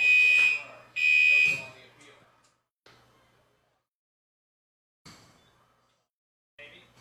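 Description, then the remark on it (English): A loud, piercing electronic alarm blares in two long, shrill bursts in the press box of a ballpark during a baseball game, followed by fainter, shorter tones after pauses, with brief murmured voices in between. There is no fire. “Well, sorry about the alarm. Not too sure what's going on up here, but there is no fire, at least to what I know of.”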